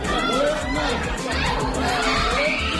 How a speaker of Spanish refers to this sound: Son los gritos de la familia de un niño de 3 años al que Israel ha matado en su último ataque contra la franja.